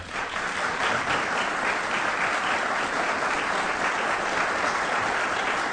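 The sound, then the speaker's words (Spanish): Sustained applause from a large audience in the Sala Abad Ferreira in Uruguay after a musical performance, a dense, steady wash of clapping filling the indoor hall at even loudness throughout, with no voices standing out. “a quien pido un fuerte aplauso.”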